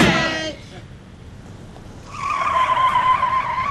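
A car's tires squeal loudly as it peels away, followed by a sustained high screech of rubber and engine as it accelerates off, clear.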